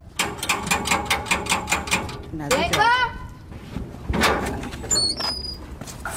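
A quick run of rattling metallic knocks, then a home's door in Mitchell's Plain, Cape Town, South Africa swings open with a drawn-out, wavering squeak. A dull bump follows, with a brief high squeal near the end.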